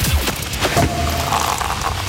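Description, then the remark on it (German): Two sharp Sekt (sparkling wine) cork pops, fairly loud, about half a second apart, followed by a low rumbling hiss of fizz and background noise. “Ihr ruft an, immer wenn ihr die Sektkorken knallen hört.”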